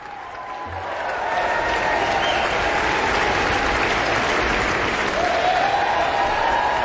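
A large audience at an Aspen Festival Orchestra concert applauds steadily and loudly after a performance of Mahler's First Symphony, with several sharp whistles cutting through the dense clapping, the ovation swelling in the first second and holding strong throughout.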